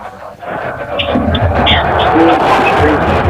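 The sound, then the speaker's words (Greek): A football stadium crowd at a Panathinaikos versus Kifisia match applauds in a dense, steady wash of clapping and crowd noise that swells after the first second and holds loud to the end, with a low rumble underneath. “Στην ώρα που ακούτε και εσείς και τα χειροκροτήματα από τον κόσμο.”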